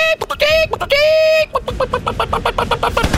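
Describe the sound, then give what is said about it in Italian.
A woman imitates a chicken on request: two drawn-out, nasal squawks followed by a quick run of short, staccato clucks, loud and alone with no other sounds. “Faccia il verso della gallina.”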